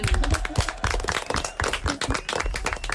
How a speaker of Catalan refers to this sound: Vinga, la donem per bona. Vinga. Molt bé, un aplaudiment.